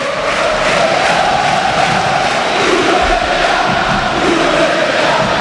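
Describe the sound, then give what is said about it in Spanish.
A large stadium crowd in the stands chants and shouts in protest against the football club's president, the first such chants of the match, a dense, loud, steady roar of many voices that holds for several seconds with slight swells and no single voice standing out. “Primeros gritos contra el presidente, que a todo esto Víctor sigue en el palco, ¿eh?”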